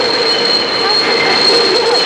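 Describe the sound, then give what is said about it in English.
A train arrives with a steady high-pitched wheel squeal ringing over a dense, loud mechanical roar, continuous throughout. “Oh, the train's coming.”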